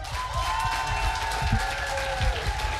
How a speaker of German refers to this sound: Und natürlich noch mal ein bitte ohrenbetäubenden 12-Punkte-Applaus für den wohl tollkühnsten Moderator, den Heide jemals gesehen hat,